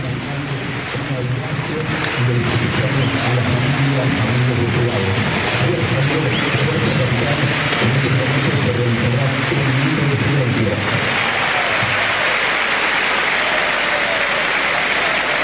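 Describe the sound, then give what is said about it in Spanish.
Independiente fans in a stadium applaud in tribute to Jorge Messi, Lionel Messi's father, before an Argentine football match: a steady, dense roar of clapping, with many voices chanting over it for most of the stretch before the clapping carries on alone near the end. “Los aplausos son de los hinchas de Independiente. Escúchalo.”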